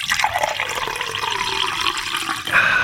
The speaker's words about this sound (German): Über das saubere und leckere Wasser, das aus meinem Wasserhahn kommt.